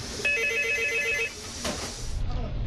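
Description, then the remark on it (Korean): A telephone rings at a delivery restaurant as an order call comes in, a bright, electronic warble lasting about a second, clear, followed by muffled background noise and faint indistinct voices. “지금 통화 한 2초 하셨는데 어디 뭐가 들어오세요?”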